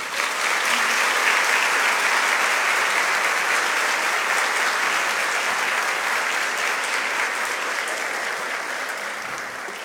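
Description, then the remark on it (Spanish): Sustained audience applause for a speaker after her speech, a dense wash of many hands clapping steadily for about ten seconds, loud throughout and tapering slightly at the end, with no voices standing out. “Agradecemos la valiosa intervención de Jeica Quijije Saltes, para quien pido nuevamente fuertes aplausos.”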